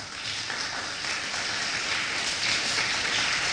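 A church audience applauds the Lord steadily, many hands clapping in a dense, hissing wash of sound that holds at an even level throughout, with no voices rising above it.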